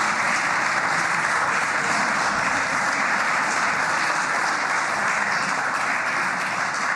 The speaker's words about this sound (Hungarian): Megvárom, amíg tapsolnak.